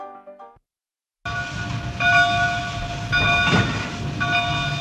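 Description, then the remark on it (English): A steam train rumbles past with a steady, loud roar while a harmonic horn sounds in long, sustained blasts that swell again roughly every second; a brief tonal note and a pause come first. “Along a rough path used by trappers and natives, railroads cut a steel trail to St. Louis, joining two great cities of the Midwest, the Great Lake and the Great River.”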